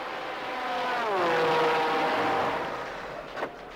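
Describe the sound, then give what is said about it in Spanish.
The high-revving engine of race car number 21 roars past as it comes in, its pitch sweeping downward as it goes by, swelling loud at the middle and then fading away. “El David, el 21, está entrando.”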